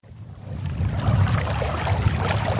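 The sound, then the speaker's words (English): The Colorado River current rushes and swirls steadily around an angler standing waist deep and casting a fishing line, among red rock walls at the beginning of the Grand Canyon; a continuous broad wash of flowing water that swells slightly after the opening moment and holds fairly loud, with no voices. “is waist deep in the Colorado River, casting a fishing line into the current.”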